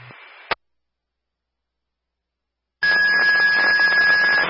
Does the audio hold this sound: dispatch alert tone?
yes